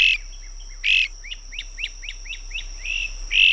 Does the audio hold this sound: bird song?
yes